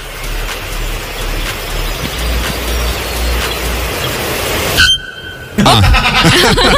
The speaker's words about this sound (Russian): А. Короткий, но понятный ответ дала она ему. Это гологорлый звонарь. Он ей что-то говорил. Она такая, нет. А, нет. Не, подожди, это же наверняка самец.